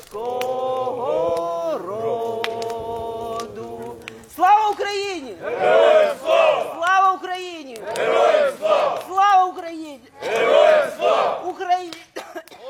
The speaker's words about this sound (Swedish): Men runt brasan här framför mig så står det ett gäng ukrainska soldater och kikar upp på stjärnhimlen. De har precis skickat upp röda papperslyktor och de sjunger Ukrainas nationalsång.